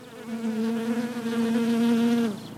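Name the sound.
honeybees buzzing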